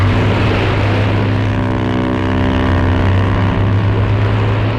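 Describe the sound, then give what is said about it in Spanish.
A yacht's engine drones at a steady, loud pitch with low humming tones over a constant rush of wind and water as the yacht moves away across the sea at full speed, heading for Marseille. There is no talking. “El yate se alejó y del mar asomó la cabeza un pez espada.”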